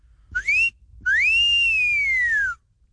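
A person whistles two loud, clear notes close up: a quick rising chirp, then a longer tone that swoops up and slowly glides down, like a catcall whistle, with no talking.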